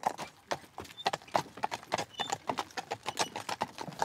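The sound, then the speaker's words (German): The hooves of a two-horse team clip-clop steadily on a hard surface while pulling a carriage, a quick, even run of sharp knocks in a trotting rhythm, fairly loud, with no voices. “So, ich fahre ja auch oft alleine, was man eigentlich mit 2 Spannern nicht machen sollte.”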